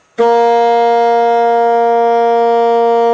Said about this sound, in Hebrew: עד עכשיו הסקסופון שלנו מפיק רק צליל אחד, צליל שתלוי באורכו של הצינור.